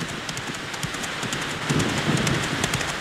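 Steady rain hisses on a black, rainy night in Sacramento as mail rider Billy Hamilton charges off, scattered drops tapping sharply through it and a low rumble swelling in the second half. There is no talking.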